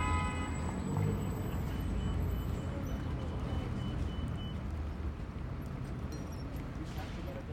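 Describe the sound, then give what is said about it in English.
Steady, dense city traffic on five lanes around Philadelphia City Hall at the intersection of Broad and Market streets: a continuous low rumble of cars, trucks and buses passing, with faint high beeps and indistinct voices mixed in. “Because City Hall is sitting directly on top of the intersection of Broad and Market, the two most central streets in Philly, the building itself is its own big square island, and all around it are five lanes of traffic.”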